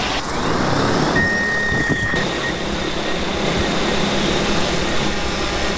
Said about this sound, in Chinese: 第一时间利用无人机播种，准备轮作油菜。